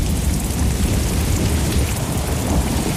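Steady, heavy rain pours down with a continuous deep rumble of thunder underneath, a dense, loud storm soundscape with no voices.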